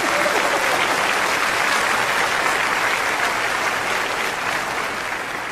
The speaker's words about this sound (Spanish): ¿Cuántos chilangos hay aquí? A ver, denles un aplauso a esa chilanguiza.